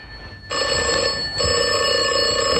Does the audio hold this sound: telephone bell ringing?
yes